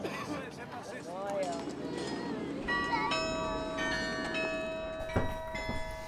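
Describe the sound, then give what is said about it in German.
Church tower bells ring out in several strikes, their tones ringing on and overlapping, above a murmur of crowd voices and street noise. “Für Hieronymus Bosch soll vor allem der Glockenturm ein Ort der Inspiration gewesen sein.”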